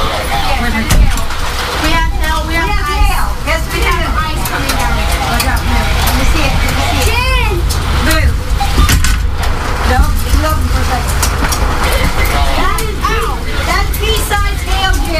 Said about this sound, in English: All right. First of all, that's hail. That's hail. Go look at real quick. That's hail. That's pea-sized hail.